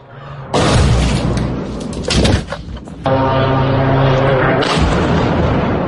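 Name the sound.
explosion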